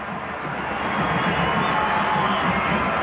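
A dense, steady roar of stadium crowd noise at a soccer match, the crowd reacting to Son Heung-min giving instructions in the 61st minute, a broad wash of many voices that swells slightly after the first second and holds loud throughout.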